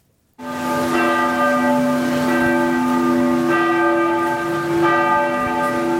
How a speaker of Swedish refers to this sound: I Norge ringde idag alla landets domkyrkor till minnesgudstjänst för kung Harald.